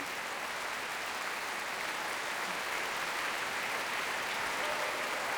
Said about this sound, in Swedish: Ensemblen har satt sig ner och publiken applåderar.